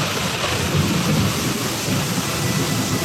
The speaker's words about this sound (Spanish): Era la época de lluvias, y ese día llovió fuertemente